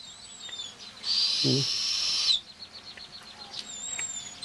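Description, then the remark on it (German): A young eagle-owl gives one long, harsh hissing screech lasting over a second, loud, with faint high bird chirps in the background before and after. “Dem kleinen Uhu dagegen ist langweilig.”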